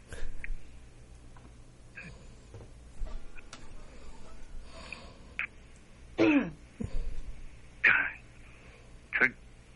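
A man clears his throat and coughs in several harsh bursts, spaced a second or so apart, over a quiet, slightly hissy background with faint murmuring.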